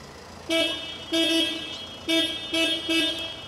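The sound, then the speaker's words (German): A car horn honks five times in quick succession, mostly short blasts with one longer hold, loud and brassy over a low, steady background hum, with no talking. “Dass sie so in Alltagssituationen keine Probleme hat mit lauten Geräuschen, mit Autos, mit Hupen”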